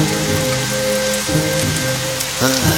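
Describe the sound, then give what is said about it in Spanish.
Heavy rain pours down in a steady, dense hiss that fills the whole scene, with low tonal music playing softly underneath. “Mientras caminaba, comenzó a llover mucho y corrió a refugiarse.”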